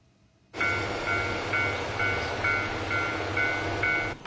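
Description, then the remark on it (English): A train rumbles loudly after a sudden start at Otsuji Station on the Sanriku Railway in Iwate Prefecture, northeastern Japan, with a steady rhythmic ringing tone repeating about twice a second over the noise; no one speaks. “Visitors took photos on Sunday in front of Sandiku Railway's Otsuji Station.”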